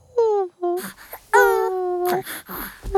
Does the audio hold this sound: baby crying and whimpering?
yes